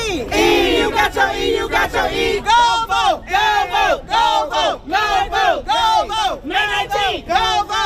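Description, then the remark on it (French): A large crowd gathered in downtown Selma chants together in a steady, loud rhythm, many voices shouting short repeated phrases in unison after a few seconds of mixed cheering and yelling. “Une foule se rassemble au centre-ville de Selma.”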